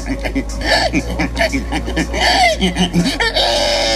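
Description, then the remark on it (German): A person, the winner of a pig-imitation contest in Estonia, loudly imitates a pig, producing a continuous run of squeals and snorting grunts, with rising, wavering pitches that sound animal-like rather than spoken. “Es ist der Gewinner eines Wettbewerbs in Estland, also auch ein Mensch. Nämlich, es ging darum, wer am besten ein Schwein nachmachen kann.”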